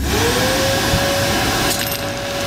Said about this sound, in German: Gestern ist der Staubsauger 125 Jahre geworden. Deswegen habe ich mal etwas eingesaugt.